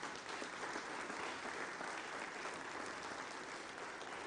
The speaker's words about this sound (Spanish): Le damos un fuerte aplauso, por favor.